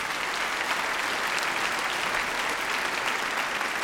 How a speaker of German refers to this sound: Genau, ein Applaus für unsere Trompeten, die jetzt auch reinkommen dürfen.